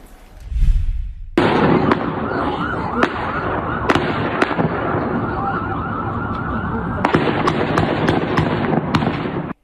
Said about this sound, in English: This morning, new video showing a suspected gunman exchanging fire with police after shooting at multiple cars along a busy Massachusetts road.